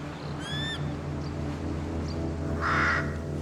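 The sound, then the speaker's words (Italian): Crows caw twice on the cliffs of Amorgos, Greece, a harsh strained call early on and a louder raspy burst near the end, over a steady low rumble of wind or surf. “Solo corvi.”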